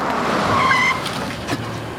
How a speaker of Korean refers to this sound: 승범은 급히 브레이크를 밟았다. 아유, 아유, 아유, 운전이 왜 이 모양이야?